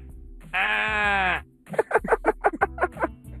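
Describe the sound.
A person imitates a little goat, holding one steady nasal bleat for about a second, then breaking into a quick wavering run of choppy 'meh-eh-eh' pulses. The voice is fairly loud.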